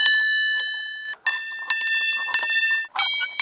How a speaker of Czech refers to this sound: Na dohled od krásné vyhlídky je řada zvoniček. Každá je jiná. To má představovat zvuk a hudbu, což je zastavení věnované Karlu Horkému, rodákovi ze Štěmě, který byl významným skladatelem. Můžu si zazvonit? Ano.